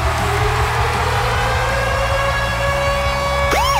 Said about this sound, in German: Montag bis Freitag, 6 bis 9, kann er jederzeit abgehen, der Virgin Radio Konzertsummeralarm.